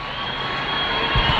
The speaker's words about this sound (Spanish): Se acerca. Efectivamente, vamos a esperar, vamos a intentar esperar, porque si grita la gente es que lo ven. La ola del grito se acerca a ti